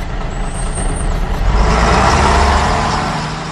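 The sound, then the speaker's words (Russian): A heavy bus rumbles, a high brake squeal at the start, then a loud hiss of air brakes swells and slowly fades as it comes to a stop in the middle of a forest to let passengers off. “Как только автобус остановился среди леса и высадил людей”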